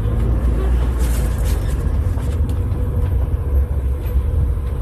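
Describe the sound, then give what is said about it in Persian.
A steady low rumble of many cars idling in a queue for the Seyyed Razi gas station, the queue running around a square in about three lanes; a dense continuous drone with faint mechanical clatter and occasional higher hisses, no talking. “اینا همه ماشینایی هستند که تو صفن.”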